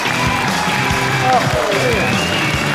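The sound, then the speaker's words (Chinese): Steady, dense audience applause at a crosstalk comedy show welcoming film and TV actor Hou Jingjian on stage, filling the whole few seconds at an even loudness, with some indistinct voices and a faint tonal sound woven underneath. “有请著名影视演员侯京健，掌声有请。”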